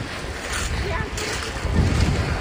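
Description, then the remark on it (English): Outdoor ambience at Griswold Point in Old Lyme, Connecticut, a rocky beach at the mouth of the Connecticut River crowded with visitors, with a steady wash of surf and wind buffeting the microphone, a low rumble swelling toward the end, and faint indistinct voices. “At the mouth of the Connecticut River is Old Lyme's Griswold Point, a gorgeous rocky beach that's crowded with visitors today”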